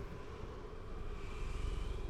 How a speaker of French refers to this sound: On a une éolienne qui tourne, une toute petite.